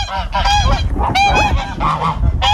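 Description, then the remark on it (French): Several geese on a small farm honk loudly, their harsh, nasal calls overlapping in a continuous noisy chorus with no pauses. “J'ai le cochon, j'ai les oies, les lapins, et des moutons.”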